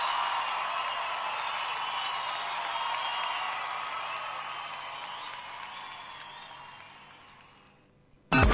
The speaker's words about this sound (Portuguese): Quem gosta desses homens, levantem as suas mãos e batam palmas.